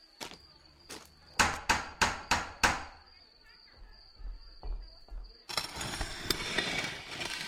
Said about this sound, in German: Kleinwüchsige bitte den Türklopfer betätigen.